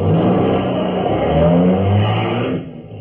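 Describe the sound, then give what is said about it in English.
A brand-new Cadillac sedan's engine revs loudly and steadily, its low throaty roar rising and falling in pitch for a few seconds before easing off at the end. “Hey, some hunk of automobile.”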